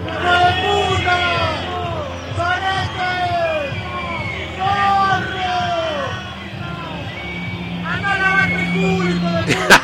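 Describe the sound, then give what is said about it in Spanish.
A large stadium crowd roars and shouts, rising in repeated waves of cheering and whooping voices over a steady loud din, with a sharp burst near the end, reacting to the close of a drone show. “Reacciona de la gente.”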